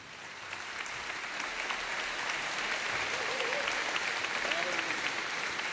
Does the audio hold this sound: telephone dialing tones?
no